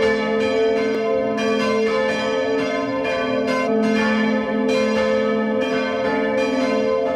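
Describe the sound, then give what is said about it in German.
The bells of the parish church of Neukirchen bei Lambach in Upper Austria peal together at 12 noon in a continuous, overlapping ring, their deep tones humming steadily with repeated strikes layered throughout. Loud and sustained, with no voices. “Sie hören die Glocken der Pfarrkirche Neukirchen bei Lambach in Oberösterreich.”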